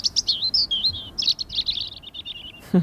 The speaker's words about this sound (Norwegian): Fuglekvitter, og jeg føler at man kan høre varmen også. Og det var sånn mild, deilig vind som bare stryker deg på hua.